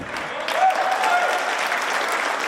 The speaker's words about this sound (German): Applaus in der Sporthalle Robert-Koch-Straße. Mehr als 20 Aktive turnen an 6 Geräten einen Mehrkampf. Es ist stickig bei 30 Grad.